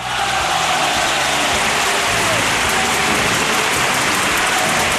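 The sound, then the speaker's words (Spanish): A steady, dense wash of clapping, like a crowd applauding, holds at an even, loud level for about five seconds with a crisp, crackling texture and no voices. “Claro, claro, aplausos.”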